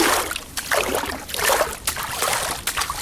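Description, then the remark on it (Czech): Clean peat bog water being splashed by hand at a pond sluice, a series of irregular sloshing bursts with brief pauses between them, set against a faint steady trickle of flowing water. “Stojíme u stavidla a šplouchám tu krásnou, čistou, rašeliništní vodu.”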